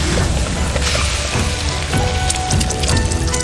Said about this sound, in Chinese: 湖南人做家常豆腐喜欢油煎